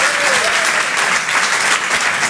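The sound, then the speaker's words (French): An audience at the Apollo applauds loudly and steadily to welcome Jérémy Charbonnel on stage, a dense wash of clapping that holds at full strength for the whole couple of seconds, with a faint cheer or whistle rising briefly at the start. “Faites du bruit, s'il vous plaît, pour Jérémy Charbonnel.”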